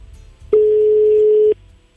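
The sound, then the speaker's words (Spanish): A single steady telephone ringback tone on a call to another phone sounds for about one second, loud and clear, with low background murmur before and after and no talking over it. “Otro teléfono.”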